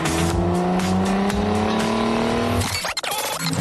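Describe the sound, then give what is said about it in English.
A taxi offered as a Yokota Air Base taxi service: its engine revs and pulls away, its pitch rising steadily as it accelerates, followed by a brief burst of tire noise and a rough, fading rumble. No one speaks. “Did someone say they needed a Yokota Air-based taxi service?”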